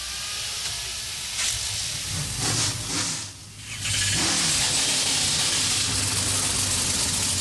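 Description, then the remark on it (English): A field of 36 NASCAR Craftsman Truck Series racing trucks fire up their engines together on the pit lane into a loud, rumbling roar, with a brief dip around the third second before the thunderous, steady din swells back and holds. “A field of 36 come to life on the pit lane.”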